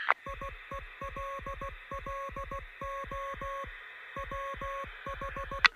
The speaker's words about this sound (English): I think I'm receiving something. God damn, I think I'm actually receiving. It sounds like Morse code.